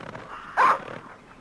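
A single short, gruff dog growl bursts out loudly for a moment against a quiet, slightly noisy background, then fades away.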